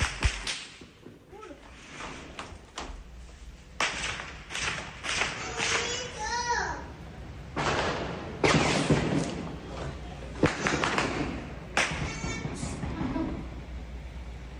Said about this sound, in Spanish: Entonces, esos son fuegos artificiales